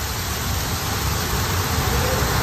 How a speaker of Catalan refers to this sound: D'entrada, la pluja, que ja no només és una previsió.